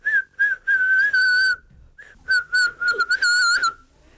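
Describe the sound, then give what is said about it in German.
A primary school pupil whistles a short, bright melody, with steady sustained notes broken by brief pauses and a few quick trills, and no talking. “Mit meiner Stimme kann ich pfeifen.”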